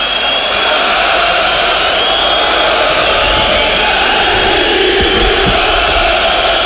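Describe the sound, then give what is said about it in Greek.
A huge football stadium crowd chants the name of Mendilibar in unison in the 80th minute of a match, a loud, dense wall of massed voices that holds steady for the whole stretch with no clear pauses and no commentary over it. “Και ακούτε τώρα ότι έχει σηκωθεί πολύ μεγάλη μερίδα του γηπέδου και φωνάζει το όνομα του Μεντιλίμπαρ στο 80 λεπτό.”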